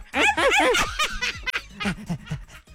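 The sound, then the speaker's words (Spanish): A person playfully imitates a dog, sending puppy kisses with a rapid run of squeaky kissing noises and yelping, growly vocal sounds, fairly loud, continuing for a few seconds without any words. “Mándale tú besitos de perrito para que.”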